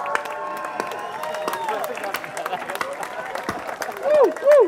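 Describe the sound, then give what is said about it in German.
A festival audience claps steadily for one of the organizers, with scattered cheering voices mixed in, the applause dense and continuous, ending with a couple of loud rising whoops or whistles near the close. “Bitte einen riesengroßen Applaus an meine Kollegin.”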